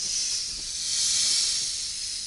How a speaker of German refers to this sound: Sie hat sich um seinen Kopf gewickelt. Das Band. Das getupfte Band. Eine Sumpfkobra.